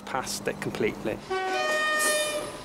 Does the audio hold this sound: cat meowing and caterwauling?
no